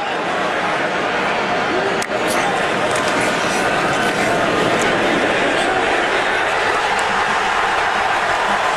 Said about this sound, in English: We didn't have any play-by-play there, but 7-0, you could hear the crowd in the big house, oh, just going so crazy, as Michigan took a 7-0 lead on Iowa, but it did not last long.